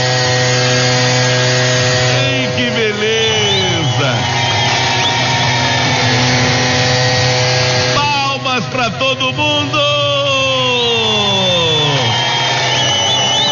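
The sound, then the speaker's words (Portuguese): A leaf blower, being used by a man, roars loudly and steadily throughout, its motor whine rising and dipping as it revs up and down a few times, drowning out other sounds. “É um soprador de folhas.”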